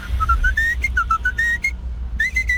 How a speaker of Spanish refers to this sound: Ya conocían el chiflidillo de la loncherilla, la cucaracha, tiriririririririn.